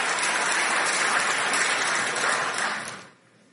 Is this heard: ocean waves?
no